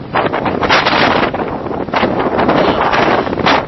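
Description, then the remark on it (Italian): Strong wind roars loudly and continuously outdoors at a small fenced cottage housing a seismic and volcanic monitoring station in eastern Sicily, buffeting the microphone with rumbling gusts that surge and ease throughout, with no voices. “Qua c'è moltissimo vento.”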